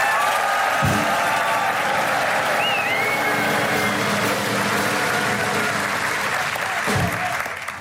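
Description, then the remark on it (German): A crowd applauds loudly and steadily for several seconds for their favourite, dense clapping with scattered whoops and cheers rising over it, the noise sustained before tapering slightly at the end. “Also, A, gibt man richtig luten Applaus für die Favoriten, so ja.”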